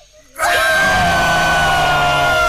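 After a brief hush, loud sustained shouting and screaming erupts all at once and keeps going, several excited voices yelling together, celebrating a football goal.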